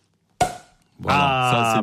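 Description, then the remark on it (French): A champagne cork pops once for a birthday with a sharp, bright burst that rings out and fades, and a moment later a voice breaks into a loud, sustained exclamation. “Et qu'est-ce qu'on fait quand c'est son anniversaire? On débouche le champagne.”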